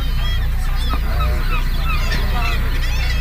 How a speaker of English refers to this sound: Now, all of these birds here are here for one reason and one reason only, and that is to get lucky. This here is a breeding colony.